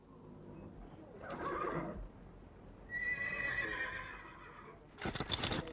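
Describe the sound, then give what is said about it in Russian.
Horses whinny and neigh with a shrill, wavering call in the middle, while hooves clip-clop in short bursts at the start and end against a low hum, as Peter harnesses the horses at a stable in the dark early morning. “И вот когда утром я подошел к конюшне, Питер запрягал лошадей.”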